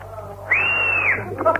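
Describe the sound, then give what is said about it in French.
A person whistles to call someone over: a single sustained whistle, loud, rising slightly then holding steady for about half a second before dropping off, with faint background voices and a brief chirpy note after. “Encore, comme ça, je siffle encore.”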